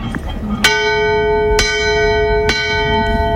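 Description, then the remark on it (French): A ship's bell rings three times at an even, unhurried pace, each bright clang ringing on and overlapping the next, fairly loud over a low background rumble; the three strokes signal danger straight ahead of the boat. “Et si le danger vient de droit devant, c'est trois coups de cloche.”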